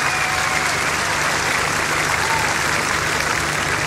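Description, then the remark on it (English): Steady, dense applause from a large crowd at a music festival concert as a band's guitarist and keyboardist is introduced, a continuous wash of clapping that holds at an even loudness for several seconds with no voices standing out. “Put your hands together, please.”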